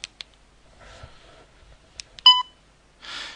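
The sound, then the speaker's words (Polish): A short, sharp electronic beep with a clear harmonic tone sounds once from a DAISY audiobook player, marking the end of the external memory's contents. A few soft clicks come before it and a brief hiss follows, with no one speaking. “I piknięcie oznacza, że to już jest całość zawartości zewnętrznej pamięci.”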